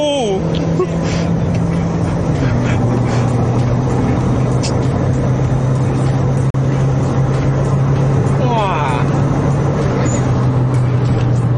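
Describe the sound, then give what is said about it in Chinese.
A car engine drones loudly and steadily as the vehicle drives at speed, its pitch dropping once early on like a gear change, then holding a constant hum with road noise throughout. “你的轮胎要换稍微好一点的， 就是这个感觉， 这个不够 grip 对啊，不够捆住到，我讲这个车很 stable， 很 stable， 你不会乱劈来劈去，全附在你的手”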